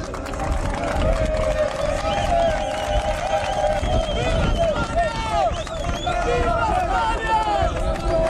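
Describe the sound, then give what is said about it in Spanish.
A crowd of Maghrebi people shouting all at once at the gates of the Loma Colmenar area, many overlapping voices forming a dense, steady roar, with individual cries rising and falling above the mass throughout. “A las puertas gritaban...”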